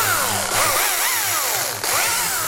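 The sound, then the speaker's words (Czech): A small carving chainsaw, made for detail work with a narrow tip, runs loud, its engine pitch sweeping up and down repeatedly as the throttle is revved, with two brief dips in between. “Tohle to je carvingová pila a je vlastně speciálně na detaily, má úzkou špičku.”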